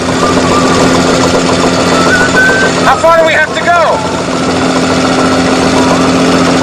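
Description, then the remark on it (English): A loud, steady engine drone of the boat Orca runs throughout at high, strained pitch as the RPM gauge needle nears its maximum limit and dark smoke drifts around the engine compartment opening, with a man's voice briefly speaking over it midway. “The needle on the RPM gauge nears the maximum limit. Below, dark smoke drifts around the opening to the engine compartment.”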